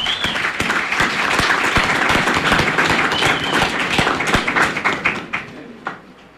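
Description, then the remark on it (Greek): Dense applause from a crowd at a PASOK event in Kefalonia, held on the invitation of the party's Kefalonia and Ithaca prefectural committee, a steady wash of many hands clapping with sharper individual claps standing out, tapering off into scattered claps and fading at the end. “για την τιμητική πρόσκληση της Νομαρχιακής Επιτροπής του ΠΑΣΟΚ Κεφαλονιάς και Ιθάκης και ένα μεγάλο χειροκρότημα.”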